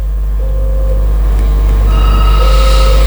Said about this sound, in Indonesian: Ada apakah gerangan di telepon studio?